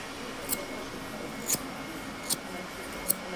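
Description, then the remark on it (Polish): Damascus steel hairdressing scissors snip four times at a slow, steady pace, each cut a crisp, bright metallic click over a quiet room hum. “Nożyczki, które są ze szlachetnej stali damasteńskiej. Mają one swój charakterystyczny dźwięk i oczywiście właściwości.”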